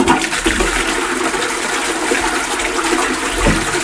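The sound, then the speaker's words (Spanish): A toilet cistern flushes with a loud, steady rush of water that holds strong throughout, with no voices over it. “Este cada lo hemos reconocido, esto es una cisterna.”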